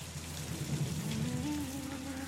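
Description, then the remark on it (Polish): Steady rain falls on a smouldering Huron village at the Saint Ignace mission in the wild forests of New France. It makes a dense, even hiss of drops across the whole clip, with a low rumbling undertone and a faint tonal hum rising slightly near the end. “Deszcz.”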